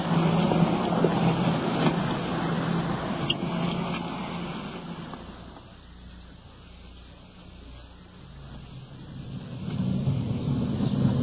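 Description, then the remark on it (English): A police car drives steadily with its engine running, a continuous low rumble and road noise that eases slightly midway before swelling again, on a drive of more than an hour. No one speaks. “We've been driving for better than an hour.”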